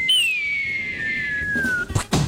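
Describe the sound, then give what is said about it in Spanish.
A low-budget cartoon falling-anvil whistle sound effect: a single high, steady tone glides slowly downward for nearly two seconds, then breaks into a couple of short, noisy impact bursts. “Y el man, sonido de caída de caricatura. De caída de yunque de caricatura.”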